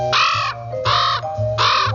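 Three short, nasal caws from a bird that looks like a crow ring out in an even rhythm, each a harsh, clipped burst standing out clearly over a low background hum.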